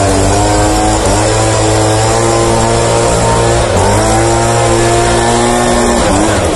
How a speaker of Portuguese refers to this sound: roubou o soprador da mãe dele, a dona Leonor, tá lá soprando em frente à oficina